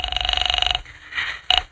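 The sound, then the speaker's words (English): A telephone rings on the line with a buzzing, rapidly trilling tone as an operator connects a call to a police precinct station: one ring of under a second, a brief pause, then the start of another. No one speaks. “I'm ringing.”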